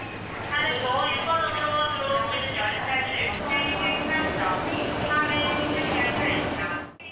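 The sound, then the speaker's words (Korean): Steady ambience of a busy platform at Iksan Station, South Korea, where Honam Line trains from Gwangju and Jeolla Line trains from Yeosu meet and head to Yongsan, Seoul, on the last day of the Chuseok holiday, with a train's rumble and hiss, a constant high whine, and a murmur of voices throughout. “광주에서 오는 호남선과 여수에서 오는 전라선 열차가 만나 용산, 서울로 향하는 익산역.”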